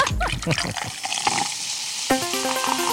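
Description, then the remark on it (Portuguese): A short crack of a tonic water bottle opening, then a loud, steady fizzing hiss of the carbonated tonic water being poured, with voices coming in over the bubbling near the end. “Abre água tônica.”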